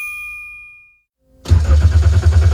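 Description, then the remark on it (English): A car's warning chime rings and fades, then after a brief pause the engine cranks loudly and rhythmically, sputtering without catching. There is no talking. “The engine might not start now, but your car could still be a fresh start for at-risk boys at Road Heaver Boys Ranch.”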